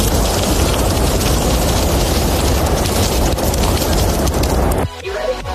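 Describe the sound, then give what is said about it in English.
Sausages sizzle on a barbecue in a loud, steady, dense crackling hiss that runs unbroken for several seconds, then cuts off abruptly, leaving a quieter low rumble. “Okay, that sounds like sausages. It is sausages.”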